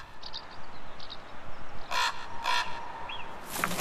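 Harsh, croaking raven calls ring out, two loud caws in quick succession and another near the end, over a steady hiss of outdoor ambience.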